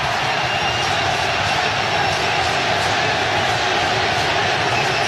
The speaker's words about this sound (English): You can hear the Ecuador crowd chanting for their team.